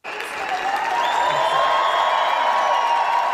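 A large crowd of Adidas employees in Herzogenaurach roars and cheers with sustained applause as tennis player Alexander Zverev, wearing a black-red-gold German national football team jacket, takes the stage; a dense, loud wash of clapping and shouting that starts abruptly and holds steady, with occasional whoops.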